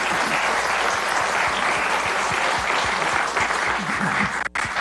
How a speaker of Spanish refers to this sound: Muchas felicidades. Un aplauso gracias. Para los jóvenes.